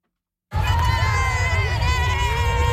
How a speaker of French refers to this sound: plusieurs milliers de personnes ont participé au défilé de la fierté dans les rues de Winnipeg